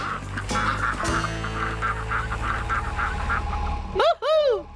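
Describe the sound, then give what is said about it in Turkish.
Ducks on a farm quack in a rapid, steady run over a noisy background, then break into two loud, harsh, rising-and-falling alarm calls at the very end. “Çünkü bu çiftlikte bırakmak istediğim son şey alarm vaklaması.”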